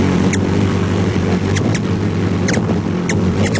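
Ruby-throated hummingbirds chirping while feeding in a group: a scattering of tiny, high, squeaky chirps in short bursts, some doubled, over a constant low droning hum.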